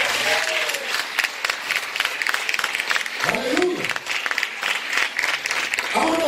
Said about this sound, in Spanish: El aplauso, ¿no?